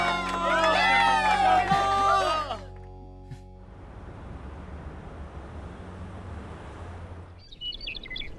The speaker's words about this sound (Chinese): 哎，太精彩了，掌声再次送给他们。